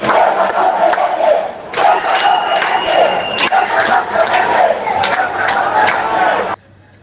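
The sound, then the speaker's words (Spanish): A large crowd of Ceuta residents, waiting for Sánchez to arrive at Ceuta's city hall, shouts and chants loudly and continuously, many voices blending into a roar with rhythmic bursts, before cutting off abruptly near the end. “Y es que así han gritado los ceutíes mientras esperaban la llegada de Sánchez al ayuntamiento de la ciudad.”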